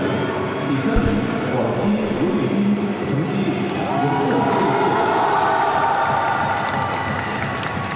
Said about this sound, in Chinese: 我们刚才通过掌声来看到啊，这个家乡的观众也是为他是这个加油祝贺。